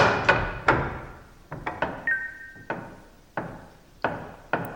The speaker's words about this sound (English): Hammer, hammer, hammer.